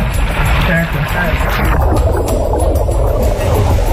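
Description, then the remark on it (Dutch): A car plunges into water: a loud, steady rush of churning, gurgling water over a deep rumble, turning duller and more muffled partway through as it sinks. “Hij had bedacht om bijvoorbeeld met een auto te water te gaan.”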